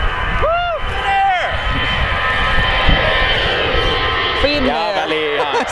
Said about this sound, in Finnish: Finnair. Matkustajakone. Kyllä siinä vähän yli 90 meni Finnairin matkustajakonekin. Kyllä.